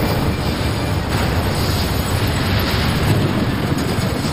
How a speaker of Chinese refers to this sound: 几秒后，68公斤炸药将水泵房夷为平地。